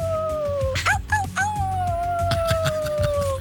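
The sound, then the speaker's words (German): A person imitates a wolf howl: one long, sustained, wavering tone with a brief warbling break near the start, held steadily over a low background rumble. “Und ihr seid als VIP in der Netsch Arena dabei mit eurem Wölfegeheul.”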